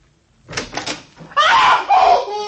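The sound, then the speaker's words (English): A bedroom door is handled in a few quick rattling knocks, then a sudden loud bang as it is slammed shut and locked opens a sustained, harsh burst of noise with a wavering high cry running through it. “Yeah, and it slammed the door right in my face and locked it.”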